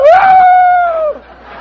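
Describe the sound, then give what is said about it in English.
A person imitates a rooster's crow with one loud, strained voiced call that rises sharply, holds a steady high pitch, then drops off at the end. No other voices are heard. “The rooster, the one I just did.”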